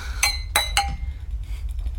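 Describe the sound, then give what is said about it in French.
Three wine glasses clink together in a toast, three times in quick succession, each bright chime ringing briefly over a low background hum with no talking. “Je trinque à votre bonheur.”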